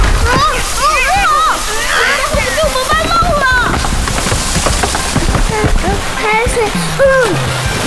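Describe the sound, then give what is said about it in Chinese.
Seawater rushes and splashes steadily throughout, a loud churning surge, flowing in at a spot that once connected to the open sea, while several voices cry out and exclaim over it. “这海水，原来这里以前通着大海。”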